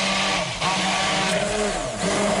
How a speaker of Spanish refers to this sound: Y trituramos, como estamos escuchando, hasta que nos quede una pasta y con la batidora en marcha vamos a ir añadiendo el aceite poco a poco para que vaya emulsionando, como si hiciésemos más o menos una mayonesa.